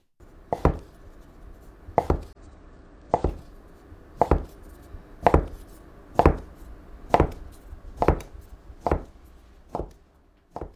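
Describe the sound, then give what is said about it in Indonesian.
A knife slices thin strips through folded noodle dough in a steady rhythm, about ten sharp chops hitting the board, each a crisp thud with a short tail, no voices. “Iris seluruh adonannya yang dilipat tadi.”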